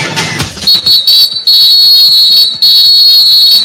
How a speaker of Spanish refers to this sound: El árbitro, el señor Pagani, suena el pitazo y dice que el partido en la segunda parte en el Estadio Azteca ya arrancó.